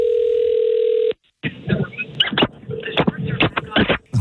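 A single steady ringback tone sounds through a phone line for about a second as the Roz and Mocha radio show calls a contest entrant, then cuts off; after a brief pause, muffled, band-limited voices and handling noise follow over the line.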